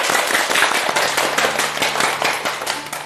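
A crowd breaks into sustained applause welcoming a teacher who will demonstrate a recitation of a poem by Lu You, dense overlapping claps forming a steady, loud, crackling wash with no voices over it.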